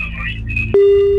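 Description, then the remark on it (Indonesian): A brief stretch of muffled voice and line noise gives way to a loud, steady telephone line tone that starts abruptly and holds unbroken to the end. “Engkanya berdau bersedia nada yang ngacau tahu nguji baru ya telefon kaban kita”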